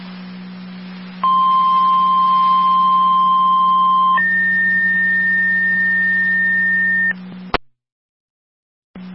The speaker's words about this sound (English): Fire Control Miller Hose, second set of tones, EMS 6239, Corwin Station for the diabetic issue.